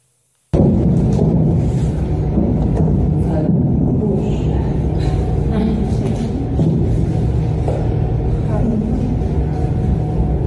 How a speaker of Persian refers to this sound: در ادامه ویدیویی از یک کلاس یوگای زنانه در تهران در شبکه‌های اجتماعی منتشر شده که زنان در حالی که ورزش می‌کردند صدای پدافند و انفجار رو شنیدن.